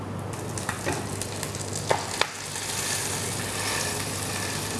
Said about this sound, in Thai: ในตำราของนักเรียนอาหารฝรั่งเขาจะบอกกันไว้ว่าเวลาเอาปลาลงแล้วเนี่ยให้กดปลาไว้สักพักหนึ่งเพื่อที่ว่าหนังจะได้แนบสนิทไปกับตัวกระทะ